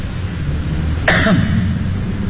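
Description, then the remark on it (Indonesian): A single short, harsh cough or throat-clearing burst sounds about midway through over a steady low background hum, with no talking. “Batuk tu”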